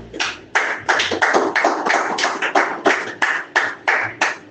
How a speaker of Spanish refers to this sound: Démosle un fuerte aplauso a Dios.